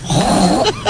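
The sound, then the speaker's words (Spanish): A woman on Basque regional television (ETV) imitates a pig with her voice: a loud, low, wavering grunt followed by two short, higher snorting squeals, heard alone without talk. “Un cerdo.”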